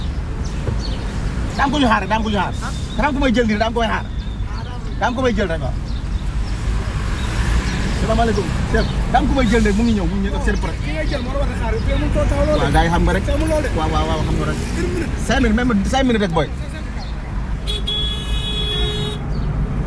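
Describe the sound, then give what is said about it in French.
Busy street traffic with buses rumbles steadily, with engines and a brief car horn toot, while people talk over the continuous road noise. “Tu es là dans 5 minutes, alors on essaye de ne pas se faire chasser par les bus.”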